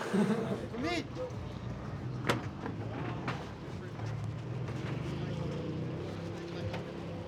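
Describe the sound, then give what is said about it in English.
A motorboat engine drones steadily across the water as the boat is taken to a skate spot, a continuous rumble with wind and splashing texture, while indistinct voices come and go over it. “You ever taken a boat to a skate spot?”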